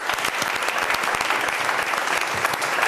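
Steady, dense applause from a show's audience applauding themselves, many hands clapping at once in a continuous bright crackle with no pauses, fairly loud throughout.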